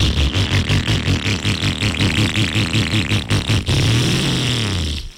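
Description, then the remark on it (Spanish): A motorcycle engine idles roughly with a loud, uneven rhythmic knocking and clatter, then revs up briefly near the end. Fairly loud, with no voices. “Bueno, me dice un amigo que la moto le está sonando así de...”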